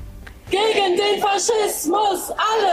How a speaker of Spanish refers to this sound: Al grito de todos juntos contra el fascismo, la protesta pretende, según los organizadores, defender la democracia y exigir una respuesta frente al partido Alternativa por Alemania, calificado de derecha radical por los servicios secretos del país.